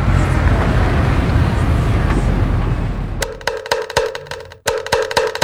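After a few seconds of steady road-like rumble, a kentongan bamboo slit drum is struck in a quick, loud run of hollow knocks with a short pause midway.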